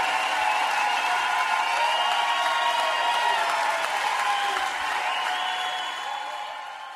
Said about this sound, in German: Applaus, Applaus.